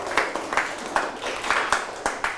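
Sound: group applauding themselves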